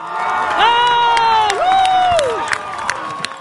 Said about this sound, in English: Cape Verde fans were full of cheer at Town Field in Dorchester. There were around 200 people, many draped in the country's blue flag.